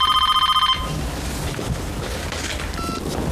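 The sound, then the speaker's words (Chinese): A telephone bell rings late at night, loudly in a fast, rattling trill for under a second, then cuts off into a steady rushing noise with a faint tone briefly surfacing later. “这么晚怎么还有人打电话呀？”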